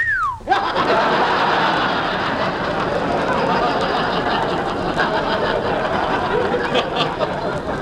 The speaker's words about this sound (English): That's fine, …, whistling at girls.